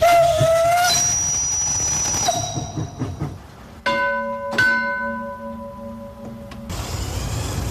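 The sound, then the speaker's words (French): A steam locomotive runs, its rumbling, hissing noise underneath several loud, sustained whistle blasts of shifting pitch, with no voices. “Les gens ne comprennent pas ce que c'est qu'une machine à vapeur.”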